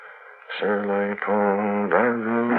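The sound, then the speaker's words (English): A man softly hums a simple French children's song under his breath, a few sustained melodic notes gliding between pitches, with no words sung. “I didn't even notice that I was humming a song under my breath.”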